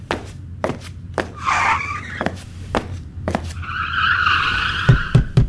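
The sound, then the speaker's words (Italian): Rubbery race car tire squeals during a grand prix whine in two drawn-out bursts, high and wavering, amid a steady series of sharp knocking taps, with no voices. “E basta con sto gran premio! E cambiale sti gomme, no!”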